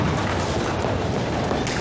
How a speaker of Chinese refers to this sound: 这是第一次爆炸，接下来是第二次。10:30，第二次。